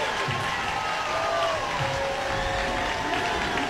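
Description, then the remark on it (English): A crowd of Coast baseball fans in Long Beach cheers steadily after a base hit in the bottom of the eighth inning, with the Mustangs leading 10-2. A dense wash of voices and clapping stays loud and even throughout, with a few sustained whistle-like tones rising above the roar. “Coast fans still cheering for anything they can.”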